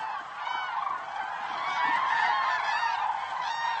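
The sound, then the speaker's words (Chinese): A dense chorus of cranes and whooper swans calls at sunrise on a courtship ground in a meadow by Hongbao Lake. Overlapping honking and trumpeting cries run continuously at a steady, fairly loud level, with no voices. “在红宝湖附近的草地上，鹤群和大天鹅找到了一个不错的场地。”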